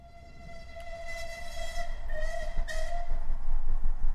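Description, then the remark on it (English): A train carrying passengers to the opposite side of London rumbles along the rails with a low, steady roar, a sustained high metallic whine riding on top, growing gradually louder as it draws nearer. “The two men traveled by train to the opposite side of London.”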